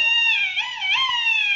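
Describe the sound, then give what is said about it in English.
A duck call carved from a turkey bone, blown in one long, nasal, reedy note that wavers and bends in pitch for about a second and a half, fairly loud, with no one talking; it imitates a duck's mating call to lure ducks in. “That noise was a duck call”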